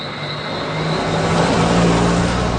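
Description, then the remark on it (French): A car engine drones steadily on the road to Soufrière, a small village in southern Dominica on the Caribbean Sea, surrounded by cliffs and lush forest. Its pitch shifts slightly as it labors and grows a little louder, with road rumble and no voices. “Il faut des bons freins pour venir à Soufrière.”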